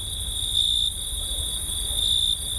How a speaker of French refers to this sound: Au chant des grillons, se superposait cet air délicieux entendu plus tôt.